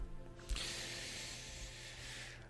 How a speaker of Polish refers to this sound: I już tak strzelam tą zapalniczką, ale to niektórzy myślą, że ja tak odpalam papierosa od papierosa, ale to niekoniecznie jest tak. Po prostu palę jedną fajkę, tylko ona mi gaśnie.